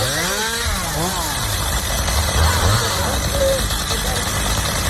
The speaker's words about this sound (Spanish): Son las motosierras del Infoca en Minas de Río Tinto.